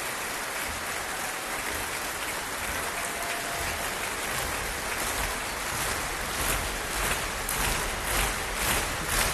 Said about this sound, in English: I think the Promise want more. Kirill Gerstein is coming on stage. Applause from the orchestra too.